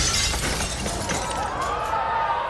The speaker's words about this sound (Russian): Внезапно с потолка упала люстра, и со страшным грохотом разлетелась на 1000 осколков.